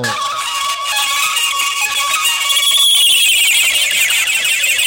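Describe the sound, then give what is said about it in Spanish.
A loud, continuous electronic stadium buzzer marking game time blares without a break for the full five seconds, its harsh tone shifting and rising slightly partway through, with no voices over it, during a football match between Independiente Santa Fe and América de Cali in Bogotá. “Y déjeme escuchar la chicharra para referenciar el tiempo de juego.”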